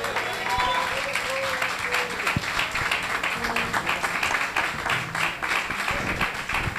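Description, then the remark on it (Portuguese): An audience applauds for Jesus steadily, many hands clapping in a dense, continuous wash of claps at a fairly loud, even level throughout, with faint voices mixed in underneath. “Palmas para o Rei Jesus.”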